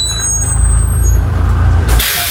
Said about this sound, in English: Oh, the air brakes. The air brakes being released. Oh. That is the sound. That very good sound there.